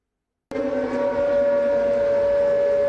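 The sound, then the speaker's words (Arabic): An air raid warning siren in Ukraine, warning of Russian jet-powered drone attacks, starts abruptly and holds a loud, steady wailing tone with layered harmonics, sounding continuously with no voices. “مسافة أقصر بين الإنذار والانفجار، هكذا يمكن اختصار التحدي الجديد في سماء أوكرانيا بعدما أدخلت روسيا مسيرات جديدة بمحركات نفاثة”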